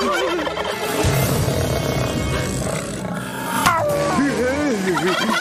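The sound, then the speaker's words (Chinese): A turkey gobbles loudly in rapid, warbling bursts, the wavering calls rising and falling over a busy, noisy background for several seconds. “我怎么觉得他刚才说的是圣诞夜的晚餐，主菜是火鸡大餐。”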